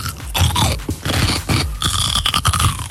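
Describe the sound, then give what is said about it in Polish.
Loud, wet crunching of someone biting into and chewing a pickled or lightly salted cucumber for a biting guessing game on Meloradio, with repeated juicy crunches and squelches running steadily throughout, no voices. “Ogórek kiszony, nie. Albo małosolny.”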